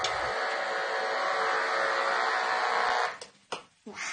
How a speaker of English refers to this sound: You might be able to hear that the knife fish is producing a nearly constant stream of electrical pulses